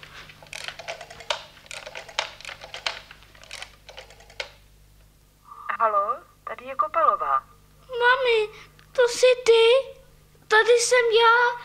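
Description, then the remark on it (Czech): A telephone is dialed to call someone's mother, with a quick run of sharp clicks for a few seconds. Then a voice speaks in short bursts, sounding like someone answering the call. “Zatelefonuj mamince, ať ti řekne, co máš dělat. Umíš telefonovat? Trochu. Tak to zkus.”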